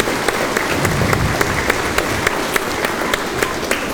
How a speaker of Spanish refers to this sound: Un fuerte aplauso para la señorita